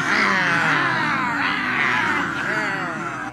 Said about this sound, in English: Cats in heat is all I'm thinking about. Yeah, they're just upset. They're letting the anger out,